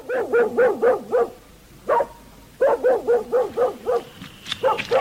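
A mangy dog barks in front of a house in Tabriz, in quick rhythmic bursts: a run of sharp yaps, a short pause with one lone bark, then another rapid volley, loud with no talking.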